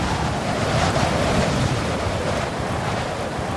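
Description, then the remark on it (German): Loud, continuous roar of a violent storm wind and strong sea waves rising high and crashing, a dense wash of surf noise that stays heavy throughout with no pauses and no voices. “Der Sturm entfesselt sich wüst. Durch das Fenster können wir starke Wellen sehen, die sich wie Giganten erheben.”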